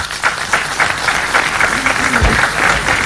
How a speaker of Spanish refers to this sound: Un aplauso, por favor.